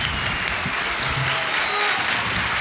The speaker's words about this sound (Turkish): Alkışlar sizin için. Ağzınıza sağlık.